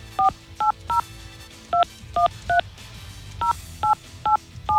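Ten touch-tone telephone keypad beeps dialed in short bursts as a phone number is called, each a crisp dual-tone chirp, grouped three, four, three like a phone number, with faint hum underneath.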